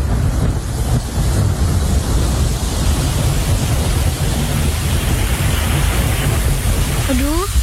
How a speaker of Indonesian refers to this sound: Hujan gak berhenti-berhenti dari semalam sampai sekarang.